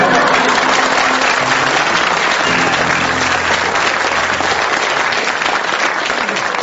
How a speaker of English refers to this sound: you have to agree that they got the greatest applause